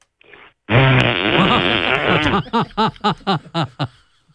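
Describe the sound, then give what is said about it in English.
A man on stage before a quiet crowd lets out a loud, long, buzzy fart that blares for nearly two seconds, then breaks into a quick run of rhythmic, choppy bursts, like sputtering or laughter-like pulses. “… realised he couldn't hold it in anymore and let out the loudest fart”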